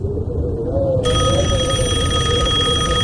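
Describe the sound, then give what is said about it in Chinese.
A telephone rings loudly and steadily with a bright, continuous electric bell tone starting about a second in, over a low rumbling background hum: a call from Jia Yibin to Duan Boyu at his military affairs bureau office in Nanjing in late October. “这一天，正在军务局上班的段伯宇接到贾一斌的一个电话。”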